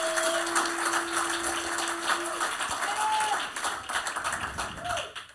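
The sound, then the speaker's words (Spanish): A church audience at a bilingual Spanish-English service breaks into steady, dense applause for the Lord, many hands clapping at once with voices and cheers mixed in; the clapping stays loud throughout and thins slightly at the end. “Oh, let's give a round of applause to the Lord.”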